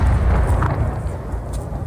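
Russian missile explosions over Kyiv, Ukraine, during an early-morning attack: a loud, deep booming rumble that rolls on without a break, with a few faint sharper cracks rising above the low roar.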